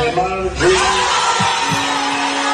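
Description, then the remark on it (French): A large crowd in a hall roars and cheers joyfully during Carlo Ancelotti's Brazil squad announcement, voices merging into a loud, sustained wall of shouting and whooping, with chants honoring the Brazilian national team's all-time top scorer running through it. “La salle explose de joie. Des chants à la gloire du meilleur buteur de l'histoire de la sélection brésilienne”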